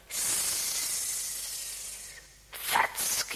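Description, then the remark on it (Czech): A grass snake hisses in a long, steady, sharp stream of air for about two seconds, pauses briefly, then lets out a second rougher, more uneven burst of hissing. “Zeptáme se užovky Bětky.”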